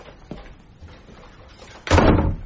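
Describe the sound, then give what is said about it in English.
After a few quiet moments with a faint knock, a door is pushed shut with a loud, solid thud that rings briefly before fading. No voices are heard. “Close the door, will you”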